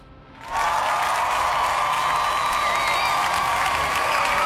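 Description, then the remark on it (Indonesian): After a brief quiet start, loud, dense applause breaks out and holds steady to the end, a continuous wash of many hands clapping with a hint of crowd cheering mixed in. “Wow, kita kasih tepuk tangan ya.”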